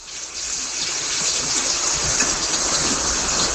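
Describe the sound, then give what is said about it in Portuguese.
Steady rain falling, a dense continuous hiss with soft pattering, moderately loud, with no voices. “Ó a chuva.”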